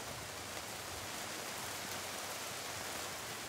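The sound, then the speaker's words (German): Steady rain falls without a break, a dense, even hiss of drops across the whole stretch, moderately loud with no voices. “Mangold ist schon gewaschen, aber muss es jetzt gerade regnen?”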